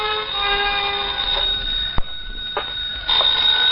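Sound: telephone ringing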